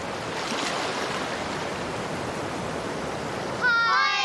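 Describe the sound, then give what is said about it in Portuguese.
A steady, rushing wash of ocean waves fills the scene at a constant level, and near the end a person's voice starts speaking over the surf. “São as ondas do mar.”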